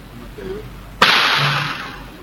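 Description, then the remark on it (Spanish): A single loud gunshot, the second of several shots fired near the cemetery in Eusebio Ayala, cracks out suddenly, followed by a long echoing roar that fades slowly. A faint voice murmurs just before the shot. “El segundo tiro.”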